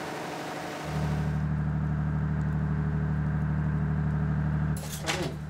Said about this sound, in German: Das Anschalten des Notdiesels ist auch im Foyer nicht unbemerkt geblieben.